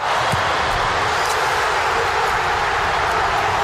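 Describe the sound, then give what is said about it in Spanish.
A dense, loud roar from Croatian football fans in the stands cheering Ante Budimir's goal against Panama, a steady wall of crowd noise that holds without letting up for the whole few seconds. “Así se escuchaba desde la grada croata.”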